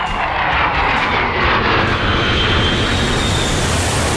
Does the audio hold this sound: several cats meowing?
no